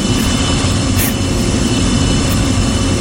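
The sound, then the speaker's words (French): A sound effect of an airplane taking off, for the mock flight Air Combal 948: a loud, steady jet-engine roar fills the whole stretch, heavy in the low end with a broad rushing hiss and no voices. “Bienvenue dans l'avion Air Combal 948.”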